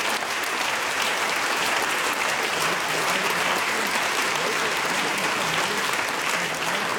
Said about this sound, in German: Vielen Dank und viel Applaus heute Abend. Dankeschön.